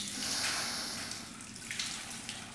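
A steady stream of water pours and splashes continuously, a broad hissing rush with slight surges, like a hose jet running over skin. No one speaks.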